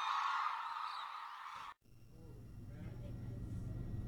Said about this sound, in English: Most of the world's hooded cranes winter at one reserve on Japan's southern island of Kyushu, calling together around sunset. Few birds' voices can evoke the spirit of the wild like the voices of cranes.